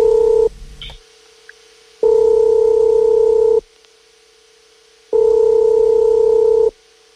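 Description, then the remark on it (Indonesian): A telephone ringback tone as Radio Sonora Jakarta phones a listener's father: a steady electronic hum repeating in long, evenly spaced pulses, about three rings with quiet gaps between, clear with no voices. “Kita coba telepon dulu ayahnya ya.”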